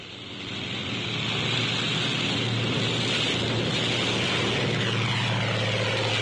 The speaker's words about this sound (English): A carrier plane takes off, relying solely on propeller thrust.